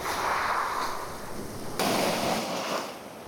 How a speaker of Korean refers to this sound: 얼마나 많은 시간이 이 해변 위로 지나갔을까요? 그리고 이 몽돌은 얼마나 많은 파도와 만났을까요?